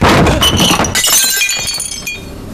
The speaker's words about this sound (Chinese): 哎呦，家里就这几个好碗了，还被你们打碎了。